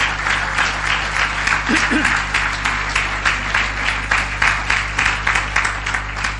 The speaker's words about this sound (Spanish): ¿Quieres darle un aplauso al Señor? Yo creo que Él se merece un aplauso grande.